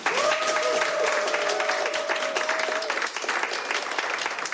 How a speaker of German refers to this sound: Vielen Dank an das Studio 1 Publikum. Toll, dass ihr heute hier wart. Danke für den Applaus